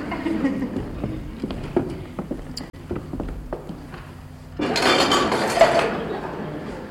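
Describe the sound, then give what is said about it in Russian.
Dishes clink and rattle in a steady series of light knocks as they're carried to the kitchen, followed by a louder burst of clattering and rushing noise near the end. “Тогда несите посуду на кухню.”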